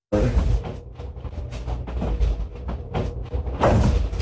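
Several dull knocks on a wall with a floor-length mirror propped against it, spaced irregularly, over a steady low rumble of background noise, with faint murmuring voices.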